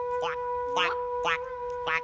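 A frog croaks four times in a steady rhythm, each call a short, nasal, rising burst about half a second apart, clear over a faint constant hum.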